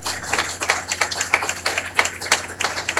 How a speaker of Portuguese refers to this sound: A nossa mais profunda gratidão com uma calorosa salva de palmas.